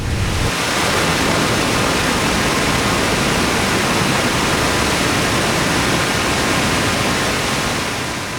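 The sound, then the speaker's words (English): Treated wastewater from a wastewater treatment plant pours steadily into a river, a loud, continuous rushing roar like a small waterfall, unchanging throughout with no voices. “You'll get to see the treated water go into the river.”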